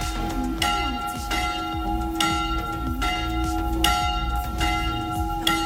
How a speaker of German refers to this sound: Das sind nämlich die Glocken der Annakirche in Aachen und die haben am letzten Freitag gleich mehrfach in der Stunde geläutet. Nicht für einen langen Gottesdienst, sondern für mehrere spontane Hochzeiten hintereinander.